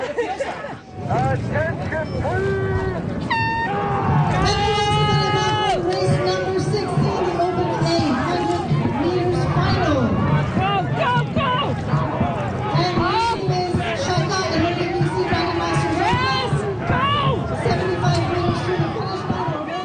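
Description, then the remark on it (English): A dragon boat crew shouts "Hurl!" loudly and continuously as they paddle, many voices overlapping in a dense, energetic chorus with repeated rhythmic calls over a steady background roar. “Are they just shouting hurl? Yeah.”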